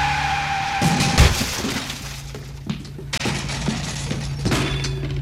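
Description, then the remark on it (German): A brief high squeal cuts off in a loud crash as a learner driver's car hits traffic cones during a driving lesson, followed by scattered clattering and knocking as objects tumble and settle, with a low engine hum underneath throughout. “Sag mir bitte, warum du dann ausgerechnet immer den Pömpel triffst, hä?”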